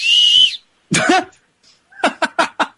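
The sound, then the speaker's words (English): A rape whistle is blown once to get someone's attention, a short, loud, shrill blast, followed by a harsh coughing burst and then four quick, rhythmic coughs. “I returned the rape whistle.”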